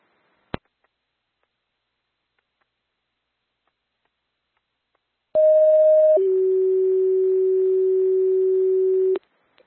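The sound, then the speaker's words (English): A loud two-tone pager test alert on a Mankato ambulance dispatch radio channel: a steady mid-pitched tone lasting about a second drops straight into a longer, slightly lower steady tone, framed by sharp radio clicks before and after, with no talking. “Pager test, repeating, this is your pager test. Please reset your pagers.”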